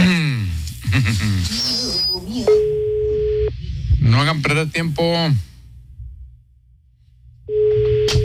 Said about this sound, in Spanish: La 1 al aire, la 1. Está sonando, ¿verdad? Está sonando el teléfono ya.